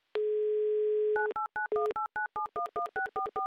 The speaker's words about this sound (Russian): Набран номер телефона Сергея. В Новороссийск звоним.